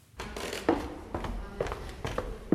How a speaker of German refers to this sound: Das alte Rathaus in der Marburger Oberstadt. Holzvertäfelte Wände, knarrende Dielen. Das Gebäude wirkt, als wäre die Zeit hier stehen geblieben.